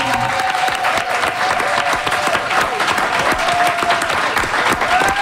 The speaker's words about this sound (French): Et on a eu envie de recevoir Steven Guilbeault, député libéral sortant de Laurier-Sainte-Marie, et Manon Massé, députée solidaire sortante de Sainte-Marie-Saint-Jacques. On les applaudit!